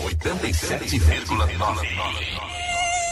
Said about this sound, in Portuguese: Aedes aegypti. Combata esse mosquito.